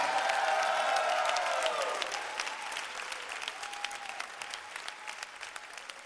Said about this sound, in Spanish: ese aplauso fuerte al Señor.